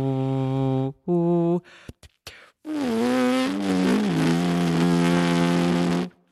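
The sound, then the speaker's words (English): A horn player hums a sustained, wavering tone without the horn at the lips. The hum blends with a rough, buzzy edge and follows a couple of short, steady buzzed notes and brief clicks. It is fairly loud, with no talking. “And this is me humming.”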